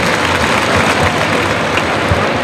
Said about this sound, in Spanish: Ovación al toro, fíjate.